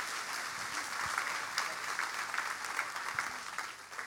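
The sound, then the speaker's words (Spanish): Steady audience applause in a church, welcoming a preacher: a dense crackle of many hands clapping at an even level, with a few sharper claps standing out and no voices on top. “Así que con un fuerte aplauso lo recibimos”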